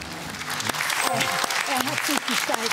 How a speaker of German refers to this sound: Applaus.